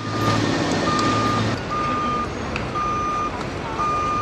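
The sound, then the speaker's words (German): At the Ground Zero construction site in New York, where the World Trade Center towers once stood, a truck's reversing alarm sounds five long, evenly spaced mid-pitched beeps over a constant wash of machinery noise, with a heavy engine rumble strongest in the first second and a half. “Der Ground Zero, wo einmal die Türme des World Trade Center in die Höhe ragten, ist heute eine gigantische Baustelle.”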